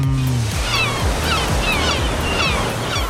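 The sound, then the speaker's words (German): Continuous roar of ocean surf washing onto a shore, broad and steady with a low rumble, while faint bird calls chirp in the background. No one speaks. “ich habe Urlaubssehnsucht, die teile ich gerne mit euch. Sehnsucht nach Meer.”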